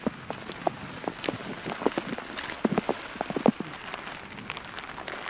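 Raindrops patter irregularly on a one-of-a-kind raincoat worn while pulling weeds in a front yard, a scattered series of soft taps over a steady hiss of falling rain, with no voices.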